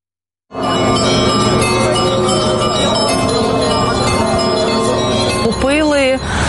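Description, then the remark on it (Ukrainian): Loud church bells of St. Michael's monastery ring continuously, a dense, overlapping clangor of many tones that starts abruptly and fills the whole recording, with a brief wavering tone near the end. “Дзвони Михайлівського тут на всю.”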